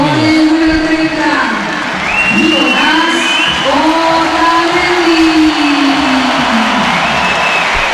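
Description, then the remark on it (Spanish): A large stadium crowd roars throughout as the team's starting players are announced, with dense mixed applause and cheering, long rising shouts and whistles over a constant loud wash of noise. “Mix de aplausos y”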